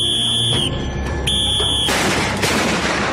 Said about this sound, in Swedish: Man får till exempel följa med i norra Spanien en getingbekämpare som spränger bort ett sammetsgetingsbo med någon sorts smällare eller något sånt i en puff.